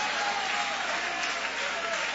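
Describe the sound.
An audience at a church service applauds steadily after being asked to raise their hands and clap, a dense wash of many hands clapping together at a consistent level for the full two seconds, with faint voices mixed into the crowd noise.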